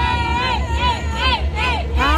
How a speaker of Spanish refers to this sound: Y el público está allá, grita.